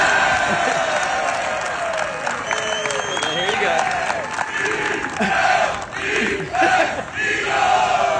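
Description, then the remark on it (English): A large crowd at a golf trophy presentation, shown live on TV, roars and cheers loudly and continuously after the winner says "go Eagles", with shouts and whoops rising above the dense noise and bursts of applause mixed in, swelling toward the end. “He was like, well, yeah, go Eagles, to which the crowd responded with this clip right here.”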